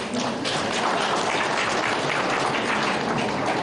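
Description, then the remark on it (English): A crowd claps steadily for several seconds, a dense, continuous patter of many hands with no voices over it, fairly loud throughout. “And while you clap hands, I'll drink water.”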